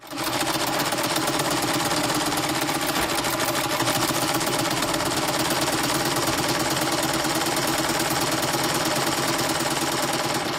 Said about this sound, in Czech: No to zní jako nějaký rozhrkaný vlak, ale ten to není. Nedostaneme nějakou malinkatou nápovědičku. Nevíš, viď? Dobře, tenhle stroj je potřeba k výrobě oblečení. No tak to už víme, že ano, kamarádi. Je to 3, 2, 1, šicí stroj.